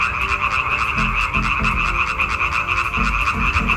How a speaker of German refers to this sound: Das Weibchen wählt in der Regel das Männchen mit dem schönsten, lautesten und längsten Quaken. Forscher haben jetzt herausgefunden, dass Weibchen aber überfordert sind, wenn sie zu viele Frösche gleichzeitig hören.